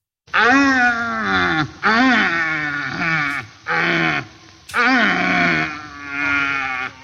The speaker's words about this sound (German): Ja, ein Rothirsch, die haben gerade ihre Brumpf. Das heißt, die stehen da, schreien rum. Ganz komische Geräusche.